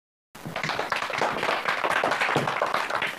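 After a brief moment of silence, a class audience breaks into sustained applause welcoming a researcher from the National Museum of China, a dense, steady wash of many hands clapping that stays loud and even until the end, with no voices.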